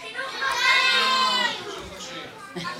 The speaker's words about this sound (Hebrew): כל אחד יצעק בבת אחת את הדבר שהוא הכי אוהב לעשות בבית ספר, נראה מה שומעים